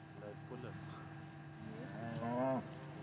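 A Brown Swiss cow lets out a loud, drawn-out moo that swells and peaks near the end, with quieter lowing before it over a steady low outdoor hum on pasture.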